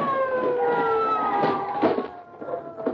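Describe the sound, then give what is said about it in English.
A police car siren wails in a long, slowly falling tone, loud, with a few soft thumps and rustles underneath and no one speaking, as the police car stops in front of a house. “The police car stopped in front of the house.”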